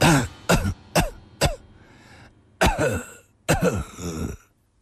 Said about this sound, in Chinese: 李寻欢喘息着，又咳嗽了起来。